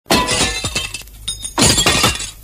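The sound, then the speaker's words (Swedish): A window pane that had been polished with Clarisol cleaner shatters with a loud crash, followed by a scatter of tinkling shards, then a second burst of breaking glass that rings out bright and harsh before trailing off. “Vem som helst kunde ha gått rakt igenom den där fönsterrutan, för den fanns ju inte en chans att se den.”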